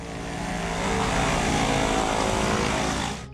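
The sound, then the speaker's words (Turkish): A loud, steady propeller airplane engine roars, a broad droning rumble as the aircraft departs runway 1, fading slightly at the very end. “Yardımcı pilot 296 pist 1'den ayrılıyor.”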